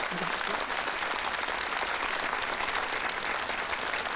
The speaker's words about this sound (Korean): 여러분 박수로 무대 한번 맞이해 보겠습니다.